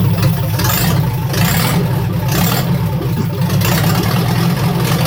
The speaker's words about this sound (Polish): Mogę powiedzieć, że silnik nie pracuje tak pięknie, jak ten samochód wygląda.